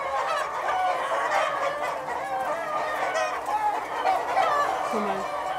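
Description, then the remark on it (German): A flock of egg-laying hens clucks continuously, many overlapping calls forming a steady, busy chorus with no one speaking. “Also bei dem Huhn ist zu erkennen, dass einmal die Kammentwicklung zurückgegangen ist.”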